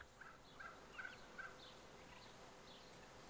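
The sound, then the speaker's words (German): A foster turkey hen in Köhlau gives a few soft, short clucking calls as she lures her chicks out, spaced irregularly over the first second and a half, then falls quiet against a steady low background hum. “Und die Amme schafft es jetzt tatsächlich, ihre Kleinen rauszulocken.”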